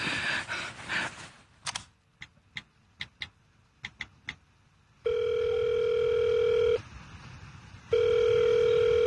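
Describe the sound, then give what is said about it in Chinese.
A rustle, then a series of sharp clicks like keypad presses as a telephone number is dialed to call the city education bureau director, followed by two long, steady telephone ringback tones separated by a short pause, loud. “哎，对了，我有市教育局长的电话呀。”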